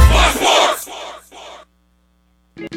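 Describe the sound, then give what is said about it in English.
A crowd screams and cheers happily with excitement in loud bursts that fade after a second or two, followed by a pause and one brief final outburst. “More screaming, happy screaming, summer screaming, dollar small classic Frosty screaming!”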